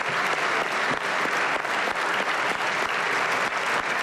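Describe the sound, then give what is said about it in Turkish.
Sustained, dense applause from a large group: the AK Parti group in the parliament's general assembly giving Erdoğan a long standing ovation, many hands clapping together in a steady, loud wash of sound with no pauses and no talking over it. “AK Parti grubu ise Erdoğan'ı uzun süre ayakta alkışladı.”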